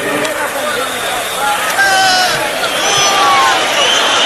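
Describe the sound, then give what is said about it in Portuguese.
A large stadium crowd at the Jalisco stadium during the World Cup boos in a loud, sustained roar of many voices, with scattered whistles cutting through the steady mass of noise, as the Brazilian flag anthem is played instead of the national anthem while the players are lined up. “O estádio vaia.”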